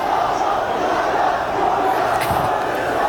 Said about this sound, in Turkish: Taraftarın sesi geliyor.